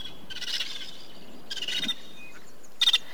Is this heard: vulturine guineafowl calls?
yes